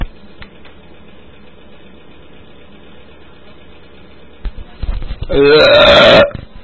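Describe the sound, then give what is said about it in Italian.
A single loud, drawn-out burp erupts after several seconds of quiet background hum, rumbling low at first and then stretching into a long, croaky belch lasting about a second and a half. “E ruttando allegramente potrei tirarmi tutti i pacchetti”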